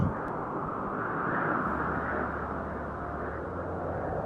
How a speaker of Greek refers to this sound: Μια μέρα όμως ένας ξαφνικός άνεμος φύσηξε μέσα από τα δέντρα.